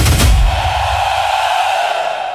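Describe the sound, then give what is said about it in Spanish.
A she-bear's loud, rough roar, used in an advert for Ventanas Carretero PVC windows, bursts in with a heavy low rumble, then holds as a steady, harsh growl for about two seconds before easing slightly. No one speaks. “¿Escuchas eso? Es el rugido de la osa, el sonido de la calidad y la confianza de Ventanas Carretero.”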